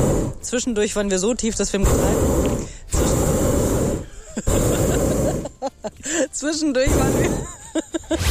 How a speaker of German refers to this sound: Aber wir haben so ein bisschen unterschätzt, dass eben diese Gasflamme unterm Ballon auch immer voll in die Sendung reinballert.